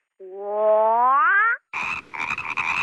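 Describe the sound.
A frog croaks loudly: first a long, drawn-out rising croak, then after a brief pause a buzzy, rattling series of rapid croaks. No one speaks.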